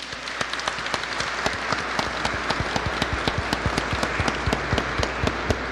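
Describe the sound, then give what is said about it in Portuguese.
An audience applauds steadily to salute the word, the sacred book, many hands clapping in a dense, even rhythm with sharp individual claps standing out, sustained at moderate loudness without any voices. “Saudemos esta palavra, este livro sagrado, com uma salva de palmas.”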